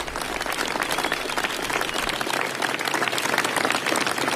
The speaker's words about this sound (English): It will be a lot of applause there in Downing Street. Downing Street staffers crowding around Keir Starmer.